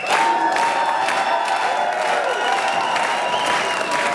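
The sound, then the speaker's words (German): A crowd in Lungau cheers and applauds steadily, dense clapping blended with whoops and shouts, loud and sustained throughout without a break. “In beiden Fällen gibt's Applaus. Genau so wurde gestern gejubelt im Lungau.”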